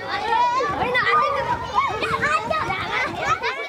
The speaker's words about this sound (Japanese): このうち大山町赤松にあるアウトドア施設森の国でも大勢の家族連れが訪れました。西日本最大級のフィールドアスレチックとも言われるこちらの施設には合わせて45箇所の遊具が備え付けられていて、訪れた子どもたちが歓声を上げながら楽しんでいました。